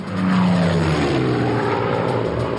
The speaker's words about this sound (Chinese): 文式轰炸机独一无二，即使是在低空全速飞行时，时速也能接近400英里，它的速度无可匹敌。